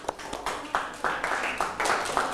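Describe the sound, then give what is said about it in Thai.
A group of students in a classroom claps together to show an answer is correct, a fairly soft, uneven patter of many hands with repeated bursts swelling and overlapping for a couple of seconds, with no voices over it. “ถูกต้องไหมถูกต้องไหมครับเพื่อนๆถ้าถูกต้องปรบมือ”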